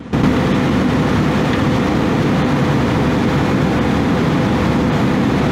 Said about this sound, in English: That's one of two Russian fighter jets dangerously swarming an unarmed RAF plane over the Black Sea in international airspace.